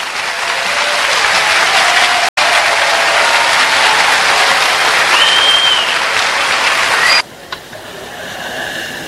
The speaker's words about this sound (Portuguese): Portanto, a ele passamos a palavra carinhosamente, solicitando que o recebamos com aplausos carinhosos.